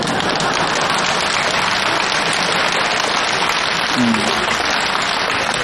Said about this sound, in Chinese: 这回掌声就热烈了，大家伙也笑了